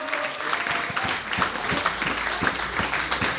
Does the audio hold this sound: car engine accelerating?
no